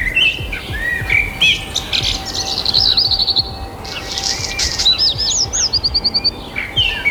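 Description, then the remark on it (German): Several birds sing and chirp outdoors in the early morning in overlapping bursts of bright, repeated whistles and trills, some rapid and clustered, over a steady low background rumble. No one speaks. “Finde ich grandios, wenn die Vögel draußen pfeifen, vor allem dann in der Früh.”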